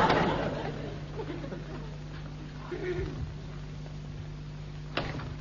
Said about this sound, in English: I could have saw that door open the other way. Yeah, you great puddin'. You've lived all your life in this house and you can't remember which way the doors open. All doors opens inwards. Only cupboard doors opens outwards.